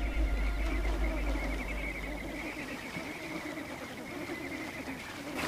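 A large flock of flamingos high in the mountains honks and gabbles continuously, a dense, steady wall of overlapping calls at moderate volume with a low rumble underneath and no talking.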